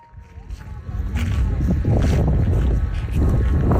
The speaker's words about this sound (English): We're going on a journey to what sounds like a pretty windy place. Yes, well, you're pretty exposed when you're standing in the middle of a flat